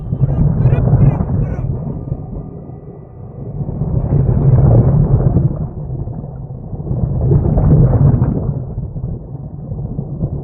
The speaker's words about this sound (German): Plötzlich geht ein Ruck durchs Meer. Wir fallen aus der Achterbahn. Über uns wälzen sich riesige Wellen.